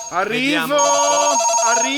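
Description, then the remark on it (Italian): A telephone rings with a steady, buzzing electronic tone, loud, sounding continuously for about two seconds as a call is placed, with no talking over it. “Sì, vabbè, vediamo un pochettino se è già in linea, proviamo a telefonare.”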